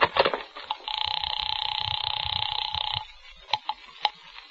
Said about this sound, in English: The house phone.